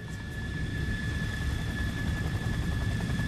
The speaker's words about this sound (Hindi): वो air force command office से लौटते हुए सैनिक हवाई अड्डे के हैंगर में पहुंच गए। हवाई अड्डे में हैंगर उस जगह को कहते हैं जहां विमानों को मरम्मत, तकनीकी देखभाल और सफाई के लिए रखा जाता है।